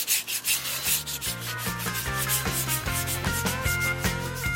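Steady sanding hiss continues throughout, rasping as decorator's caulk is sanded down to the wood, with a rhythmic musical backing playing alongside it. No one speaks.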